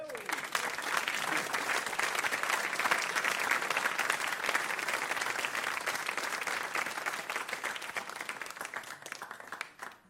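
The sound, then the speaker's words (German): Sustained applause from a large audience, dense steady clapping filling the whole stretch at an even level before easing slightly at the end. “Das ist ein besonderer Applaus”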